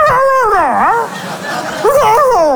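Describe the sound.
A dog howls in two drawn-out, wavering cries that rise and fall in pitch, separated by a short pause. The sound is fairly loud, with no talking over it.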